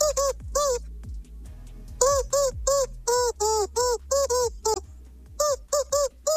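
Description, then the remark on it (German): A squeaky rubber chicken dog toy squeals out the melody of a pop hit in a rapid run of short, bright, pitched squeaks, loud, with a faint backing track of steady bass notes underneath. “Für alle, die es noch nicht gehört haben, das verrückte Huhn ist ein Hundespielzeugtier und das quietscht ziemlich schräg.”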